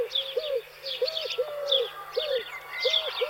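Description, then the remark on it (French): A Eurasian collared dove coos in a steady series of low, hollow notes, repeated in a regular rhythm, while higher chirping from other birds flutters in the background. “La tourterelle turque, par contre, fréquente davantage les millions, on l'a entendu aussi, mais plus dans le village que dans la forêt.”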